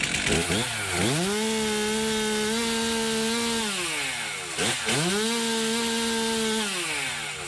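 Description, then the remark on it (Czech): A chainsaw engine revs up and bites into wood twice, its loud buzzing whine holding steady through each cut before dropping back to idle. No voices are heard. “Je to tak, motorové pily, vždyť je to vlastně svého druhu taky motodisciplína.”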